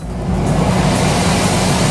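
A newly bought portable air conditioner runs steadily, a constant loud whoosh of blowing air over a low mechanical hum with no pauses and no voices.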